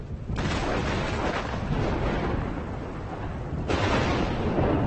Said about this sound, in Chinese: 雷声越来越响